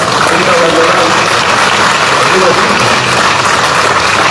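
A crowd claps steadily for several seconds, a loud, dense wash of applause that holds an even level throughout without building or fading, with no clear talking over it.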